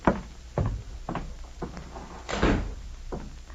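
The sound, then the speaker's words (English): A door is handled and shut, a string of solid thumps and clunks spread over a few seconds, with a heavier bang near the end and no voices. “Would you mind shutting the door while I talk to you? Well, of course I will.”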